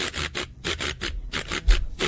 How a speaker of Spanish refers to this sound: El güiro. Ese no es rayador, el güiro. El güiro. El rayador. Es muy difícil tocar el güiro.